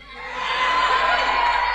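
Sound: audience shouting out answers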